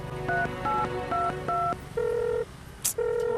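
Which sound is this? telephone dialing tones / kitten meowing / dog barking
telephone dialing tones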